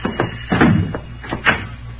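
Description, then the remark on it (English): Several firm knocks on an unlocked wooden door, spaced unevenly over about two seconds, with a low hum underneath and no voices. “Come on in, Johnny boy. The door ain't locked.”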